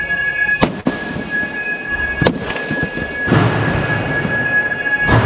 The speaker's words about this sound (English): From a video released during the trial, you can hear them destroying quadcopter drones of the type that are used to murder Palestinians in Gaza.